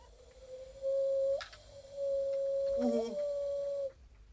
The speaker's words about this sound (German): Waldkauz. Heiserner Uhu. Ein kleiner Uhu. Ja. Der übt noch.